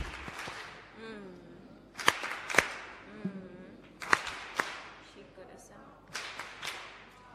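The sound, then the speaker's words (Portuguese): An audience applauds in a steady, crackling wash of clapping, punctuated by several sharp, louder claps, with voices murmuring underneath. “Palmas carinhosas.”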